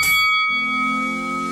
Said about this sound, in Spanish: Tenemos segundo combate de esta tarde. Póngale campana de pelea ahí.